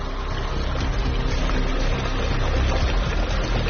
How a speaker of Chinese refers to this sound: 那这个水又是从哪儿来的呢？ 从那个大山上直接排下来的。 大山上排下来？ 对，你看这里到处都是大山。 常年一年四季都会流水。